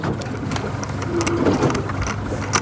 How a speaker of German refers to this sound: Das neue Forschungsboot der Hochschule Wismar auf dem Weg zur Versuchsstelle